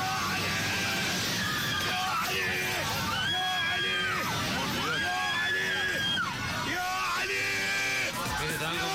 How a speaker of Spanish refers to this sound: Que hayan podido aterrizar pese a esta contingencia gravísima en pleno vuelo donde se temía lo peor. Y gritaban, rezaban a los gritos.